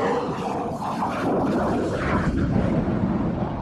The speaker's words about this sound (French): Et quand il va remettre les gaz, pour avoir la puissance nécessaire, il va mettre la post-combustion sur l'autre moteur. Et là, ça va faire du bruit.